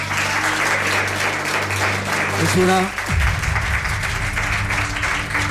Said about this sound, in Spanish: Nos pide un aplauso para él.